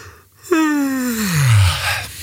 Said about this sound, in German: Das ist fies, oder? Ich lasse mich auch immer anstecken, wenn irgendwo irgendwer gähnt, sogar im Fernsehen.